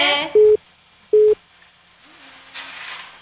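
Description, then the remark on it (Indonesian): Two loud, steady electronic beeps from a telephone busy tone after a caller on a regular phone line drops off, evenly spaced about a second apart, followed by faint line hiss and low background noise. “Kayaknya menghilang kini.”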